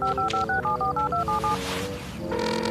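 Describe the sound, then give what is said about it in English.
A rapid run of about ten short touch-tone phone keypad beeps dialing the Discovery Mountain Police Department, each a bright dual-pitched chirp, clear, followed by a brief noisy rustle and then a steady ringing tone. “Come on now, Officer Lewis, pick up.”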